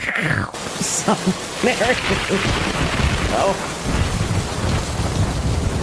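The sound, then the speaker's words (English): Steady heavy rain hisses across the whole clip while low thunder rumbles and rolls underneath, with a sharper crack near the start; a voice murmurs faintly in the background. “The lightning capital of the world is Tampa Bay.”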